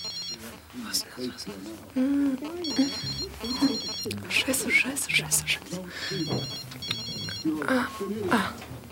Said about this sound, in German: Das Klingeln des Handys musste aus ihrer Handtasche kommen. Aber wo war das verdammte Ding?